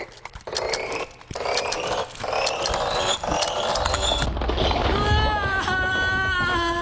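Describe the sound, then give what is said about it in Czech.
Crisp ratcheting clicks repeat in a steady series as a clock key is wound, followed by a brief higher-pitched tonal whine near the end. “Vždycky otáčím klíčkem jen pětkrát.”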